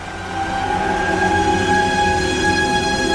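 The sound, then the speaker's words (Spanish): A small van that looks 1940s-built blares its horn in one long, unbroken honk as it accelerates close by, the driver leaning out the window, its engine rumbling underneath. The sound swells quickly at the start, then stays loud throughout, with no voices. “Efectivamente, un pequeño furgón que parece fabricado en la década de los 40 irrumpe en la escena, acelerando cerca de su posición, con un conductor sacando la cabeza por la ventanilla y tocando el claxon como un energúmeno.”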